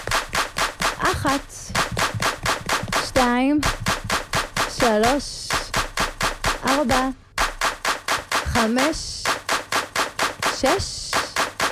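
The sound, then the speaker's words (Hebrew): A group of women claps in a steady, brisk, sharp rhythm throughout as their 7x7 session sets off, while a woman's voice counts and speaks over the beat. “7x7 יוצאות לדרך, מוכנות? קדימה, כפיים.”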